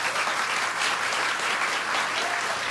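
Steady audience applause welcoming two guests onto the stage, a dense wash of many hands clapping at an even, sustained loudness throughout, with no voices breaking through.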